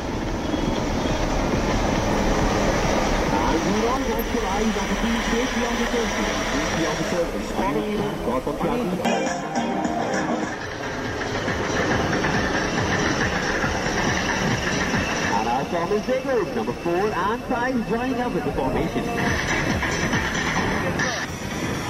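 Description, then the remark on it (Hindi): Loud, continuous jet engine roar that swells and shifts as the Indian Air Force Surya Kiran aerobatic team jets pass overhead during a display at Jodhpur Air Force Station, with a brief dip midway; faint voices murmur beneath the noise. “इस दौरान वायुसेना की सूर्य किरण एरोबैटिक टीम ने एयरबेस पे शानदार प्रदर्शन किया”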